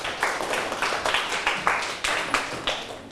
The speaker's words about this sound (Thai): ถูกต้องปรบมือให้ตนเอง